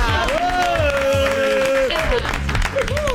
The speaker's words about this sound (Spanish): Yo tiro nombre y ustedes aplauden, ¿eh?